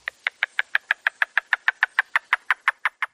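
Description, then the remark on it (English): A yellow-billed cuckoo calls in a rapid, even series of about eighteen hollow, woodblock-like knocks, each note short and clear, heard alone. “Their song can be mistaken for little else, sounding a little like they're tapping a woodblock.”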